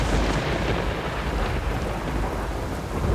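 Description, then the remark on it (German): A loud, steady thunderstorm sweeps over a castle: heavy rain pours continuously while deep thunder rumbles and rolls underneath, filling the whole stretch with dense noise and no voices. “Nun war er wirklich da, der Sturm.”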